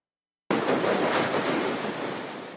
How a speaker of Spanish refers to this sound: La advertencia del nuevo oleaje llega mientras en San Clemente, Manabí, ya se registran fuertes golpes de mar. Las olas alcanzaron estructuras ubicadas cerca de la playa y generaron preocupación entre habitantes de esta zona turística y pesquera.